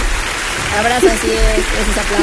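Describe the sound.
Steady, dense crackling applause fills the whole clip at an even loudness, with a voice sounding faintly underneath it.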